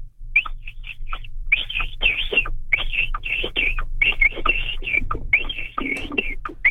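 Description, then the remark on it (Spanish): A person imitates a capybara call by whistling: a long run of short, high, chirping whistles in an uneven rhythm, some breathy and raspy, over a low steady hum. “Pero fíjate que usa la técnica también del chiflido”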